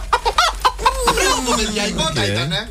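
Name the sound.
hen clucking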